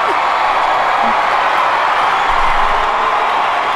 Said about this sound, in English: Oh, this crowd is rowdy. Yes. They just want to have a partiki. They're bringing the vibes.